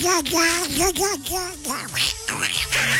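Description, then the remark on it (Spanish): A person does a raspy, garbled cartoon-duck voice to send a spoken greeting, speaking in a quick run of squawky, quacking syllables, loud, for several seconds. “Mándale un saludo para Constancita y Xiomarita con la voz del pato.”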